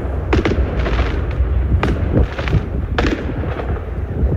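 A dense, continuous barrage of fireworks from a huge night-time display in Stavanger, Norway, directly in front of the Bayern players' hotel: deep rumbling booms overlapping with sharp crackling bursts at irregular intervals, loud throughout with no quiet gaps.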